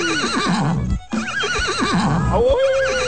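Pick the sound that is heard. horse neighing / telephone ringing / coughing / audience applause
horse neighing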